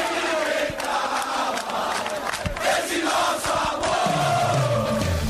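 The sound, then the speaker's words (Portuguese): A large crowd of Avaí football fans chants a battle cry in unison at the Ressacada stadium, loud and sustained, with a dense roar of many voices filling the space throughout. “Força da torcida, o grito de guerra, a presença, o apoio, o aplauso, tudo faz diferença.”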